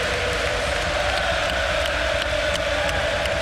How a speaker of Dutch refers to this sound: Nou, het mooie in dit stadion is dat je als commentator echt tussen het publiek van Arsenal zit. En ze maken veel lawaai, dat hoort u.